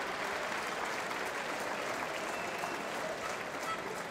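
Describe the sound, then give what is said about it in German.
A crowd applauds steadily, a dense patter of many hands clapping at an even level throughout, moderately loud, with no voices standing out. “Und trotzdem gibt es 10 Applaus hier.”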